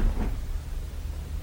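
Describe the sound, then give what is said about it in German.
A door is pulled closed behind someone stepping out into a corridor, with a soft, low thud near the start, followed by a faint dull rumble of background noise. No one speaks. “Ich ging wieder auf den Gang hinaus und zog die Tür hinter mir zu.”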